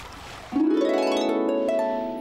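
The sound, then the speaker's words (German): A hungry otter screams in one long, loud, shrill call that starts abruptly, rises slightly in pitch and holds steady for nearly two seconds over a faint hiss, with no talking. “Und sie schreien immer noch. Ja. So hungrig kannst du nicht mehr sein.”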